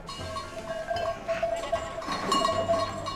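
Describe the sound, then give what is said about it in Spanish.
A flock of black chácara dairy sheep crowds in at feeding time as a woman feeds them, neck bells clanking continuously amid shuffling and scattered faint bleats, with no one speaking. “te pillo a punto de darle de comer a las ovejas.”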